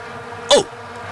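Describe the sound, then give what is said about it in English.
A single quick, sharp sneeze bursts out, loud and brief against a faint steady background hum, with no talking. “Bless you, fool.”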